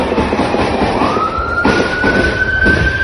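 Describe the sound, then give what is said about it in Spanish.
A state police patrol car siren wails with a steady rising tone over loud, rumbling street noise as the car approaches the scene of a shooting in the streets of Alvarado, holding fairly constant in volume throughout, with no talking. “Videos compartidos en redes sociales muestran el momento en que se escuchan múltiples detonaciones de armas de alto poder mientras una patrulla se aproxima al lugar.”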